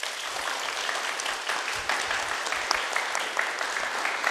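Steady applause from an audience fills the whole stretch, a dense crackle of many hands clapping at an even loudness with no voices on top.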